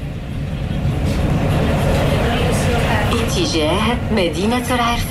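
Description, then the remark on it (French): Inside a tram pulling away in Rabat: a steady low rumble fills the cabin, then a rising, wavering electric motor whine builds over the last couple of seconds as it gathers speed. “Et on démarre dans le tramway, dans Rabat.”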